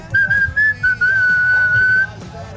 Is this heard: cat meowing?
no